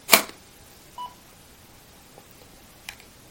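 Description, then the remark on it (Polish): A short electronic tone from a colour tester that also works as a light sensor signals detected light: a click-like burst opens, then a brief steady beep near one second, with faint blips and a final short tick, all fairly quiet. “Ten sygnał oznacza, że widoczne jest światło.”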